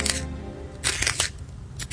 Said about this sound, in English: Sharpening my pencil. It's gonna be nothing but a stub.